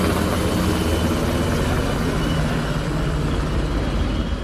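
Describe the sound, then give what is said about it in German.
German army (Bundeswehr) and police helicopters circle over a city in the late evening during an emergency exercise. A loud, continuous engine roar with a low throbbing pulse underneath holds without a break for the whole stretch, and no voices are heard. “Über der Stadt kreisten Hubschrauber von Bundeswehr und Polizei.”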